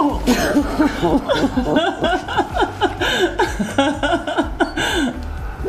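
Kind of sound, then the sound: human body sound, emotional sniffling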